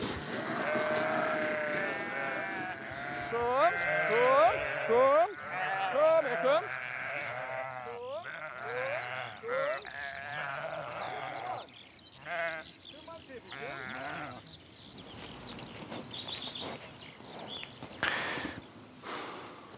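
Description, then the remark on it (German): Several sheep bleat over and over, their wavering, overlapping calls rising and falling loudly at first, then thinning out as shuffling and rustling noises take over toward the end. “Über Kommunikation kann man von Schafen ganz, ganz viel lernen, weil sie sind ja auch soziale Tiere, so wie wir, das kann man schon mal so sagen.”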